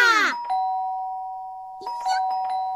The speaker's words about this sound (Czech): Už je to tady. Zvoní. No tak snad jdu otevřít, ne?